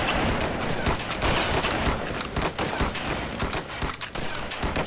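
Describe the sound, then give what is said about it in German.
A loud, ragged volley of musket fire during a firing drill, fired on command: many overlapping shots crackle densely for several seconds with no pause and without any voices. “Anlegen. Auf mein Kommando. Warten können, Schuss. Bis die Schussbahn frei ist. Feuer!”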